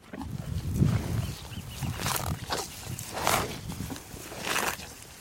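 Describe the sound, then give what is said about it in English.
Cows from the beef and dairy ranches at Point Reyes national park low and grunt in a series of deep, rumbling calls, punctuated by several breathy snorts over a few seconds, with no one speaking. “The cows.”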